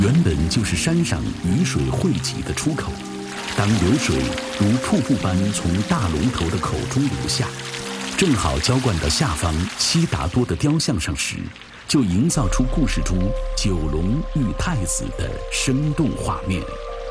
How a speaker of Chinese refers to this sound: 原本就是山上雨水汇集的出口，当流水如瀑布般从大龙头的口中流下，正好浇灌到下方悉达多的雕像上时，就营造出故事中九龙遇太子的生动画面。